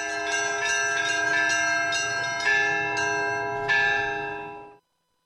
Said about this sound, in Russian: У меня вот своя мелодия. В храме в Троицком у них своя мелодия. Я подобрал свою мелодию, я вот созвучие у меня совсем другое. То есть уже этот колокольный звон, который над Болховым плывет, ни с каким другим не спутаешь? Нет, нет, нет, не свой звон.